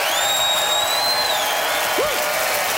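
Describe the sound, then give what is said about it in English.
An audience in Ottawa applauds steadily and loudly throughout, voting by applause for a contest winner, a dense wash of clapping with sustained whistles ringing over it and a brief whoop near the end. “All right, audience, it's that magical time when you vote and decide who won this thing. So by applause,”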